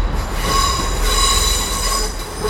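A train rolls into a station with a steady low rumble, its wheels letting out a sustained, high metallic squeal that rings loud throughout.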